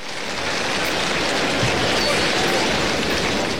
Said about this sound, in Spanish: Voltea hacia el palco de autoridad, agradece la venia de César Pastor y esta es la ovación en el agradecimiento para Isaac Fonseca.